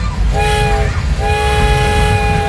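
A train horn sounds two long blasts, a short one then a longer sustained one, over a steady low rumble of passing railroad cars, fairly loud.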